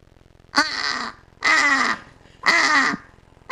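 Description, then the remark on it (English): A person's voice imitates a British crow with three harsh, raspy caws, each about half a second long, evenly spaced and loud, with short silences between them. “Okay, let's hear the British crow then.”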